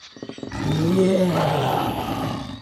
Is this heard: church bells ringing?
no